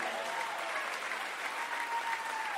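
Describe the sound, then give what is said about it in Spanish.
A crowd applauds for God steadily, dense clapping filling the whole stretch at an even, sustained loudness with no talking over it. “Dale el aplauso a Dios.”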